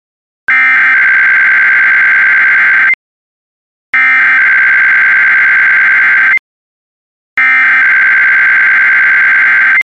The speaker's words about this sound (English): If this had been an actual emergency, important information or instructions would have followed the tones you just heard. This concludes this test.